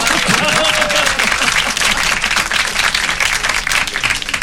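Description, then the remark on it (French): An audience applauds steadily for several seconds, a dense wash of many hands clapping at once, loud, with a few faint voices briefly audible early on. “On applaudit.”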